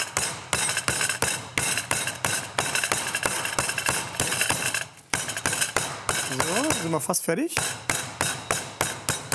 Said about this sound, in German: Also, das Hähnchen muss jetzt natürlich richtig schön platt plattiert werden. Jetzt wird es ein bisschen laut.